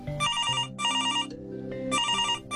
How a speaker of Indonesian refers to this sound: Nah, kali ini punya ibu tuh yang ada telepon.